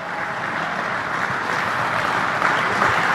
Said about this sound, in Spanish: Fue por medio de una ofrenda que agradó a Dios, y le va a dar palmas, dele palmas a él.